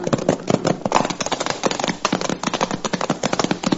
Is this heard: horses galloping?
yes